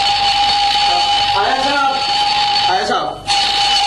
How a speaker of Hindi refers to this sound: अबे good morning के लगते अलार्म बंद कर, ये आज अलार्म क्यों लगाया है? आज इतवार है और तुझे मालूम है छुट्टी के दिन मैं इतनी जल्दी नहीं उठता।